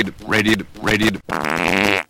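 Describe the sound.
Someone vocally imitates a South American farting frog, an impression introduced as by Walter Cronkite: two short, buzzy, croaking bursts followed by a longer raspy blast, all loud with no other speech.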